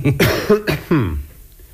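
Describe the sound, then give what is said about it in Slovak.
A few quick, harsh coughs blend into a rough throat clearing, fairly loud, ending in a short gravelly rasp with no talking. “A čo tu všetci kašlete? Vy kašlete, váš butler kašle.”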